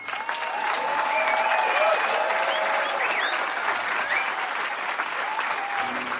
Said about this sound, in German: Und das aber nicht ohne den Mann auf die Bühne zu bitten, dem wir dieses breitere Publikum zu verdanken haben. Einen warmen Applaus für